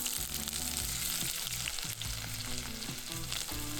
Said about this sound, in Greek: Ξεκινάμε πάντα με σιτιακό ελαιόλαδο, έξτρα παρθένο, θα βάλω αρκετό και θα ρίξω τα κρεμμύδια μαζί με γκαραμ μασάλα να σοδαριστούν. Ακούστε!